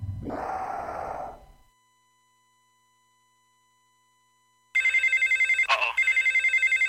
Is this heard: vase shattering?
no